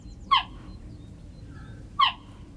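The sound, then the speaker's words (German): Two short, high-pitched chirps of a cheetah, spaced well apart, each a quick bird-like yelp against a quiet background with a faint low rumble. “Geparden können nicht brüllen wie Löwen, stattdessen zwitschern sie.”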